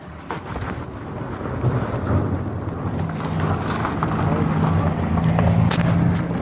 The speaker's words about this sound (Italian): Al tempo era passata una macchina.